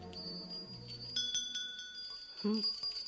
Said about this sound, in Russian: Валдайские колокольцы. Стоит мне взять их в руки, и сразу же перед глазами Валдай, леса.